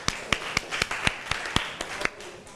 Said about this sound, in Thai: ขอเสียงปรบมือให้เพื่อนอีกครั้งค่ะ